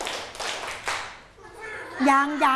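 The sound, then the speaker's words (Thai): Three sharp, fairly loud hand claps in a steady rhythm, made by a group of children in a class clapping three times on a spoken count of one, two, followed by a high-pitched voice speaking. “ลูกนับ1นับ2ปรบมือ3ครั้งค่ะปรบมือ3ครั้ง”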